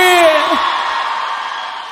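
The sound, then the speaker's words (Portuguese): A loud crowd cheers steadily for a cowgirl, with a single strong shout rising above the noise near the start, then falling away as the cheering carries on. “Uma salva de palmas e um grito bem forte pra boiadeira aí!”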